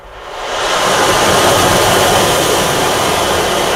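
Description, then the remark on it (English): An instrument emulating rain makes a steady, rain-like hiss of dense pattering noise that swells in over the first second, then holds at an even, fairly loud level with no voices. “So you can emulate the sound of rain, or you can take it to the sound of the ocean and do waves as well.”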